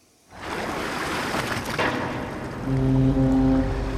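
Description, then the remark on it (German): A harbour ambience at the port of Rotterdam, where container ships come and go, with waves washing against the breakwater and broad water noise, joined near the end by a ship's deep, sustained horn blast sounding steadily over the surf. “Blickt man vom Rotterdamer Hafen aus aufs Meer, sieht man mächtige Containerschiffe ein- und auslaufen.”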